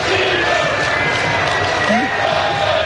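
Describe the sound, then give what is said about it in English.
A large crowd of soccer fans in Seattle roars in a steady, dense wall of cheering to honor the national team manager, with scattered shouts and whoops rising above the continuous loud din throughout. “He was honored yesterday by the crowd.”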